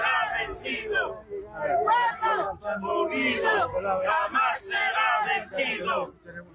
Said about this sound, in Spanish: Es el pedido de distintos sectores sociales, organizaciones movilizados en este séptimo día de esta gran marcha por la vida que avanza desde la ciudad de El Alto con el grito de guerra característico de distintos sectores sociales.